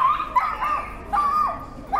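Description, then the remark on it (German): Several high-pitched yips and short whining barks from small dogs at a festival come in quick bursts, fairly loud, with no talking over them. “Es ist unglaublich, wieso kleine Hunde so einen Krach machen können.”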